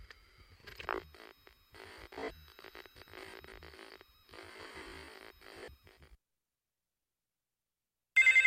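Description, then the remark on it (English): A telephone ring bursts in loudly and abruptly at the very end after a few seconds of silence. Before that, there are stretches of crackly, buzzing line noise. “My phone doesn't seem to be working. Hello?”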